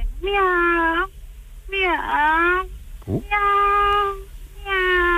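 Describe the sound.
A person in Castellón imitates a cat, giving four drawn-out, whiny meows in a row with a short squeaky break between them, fairly loud with no other talking.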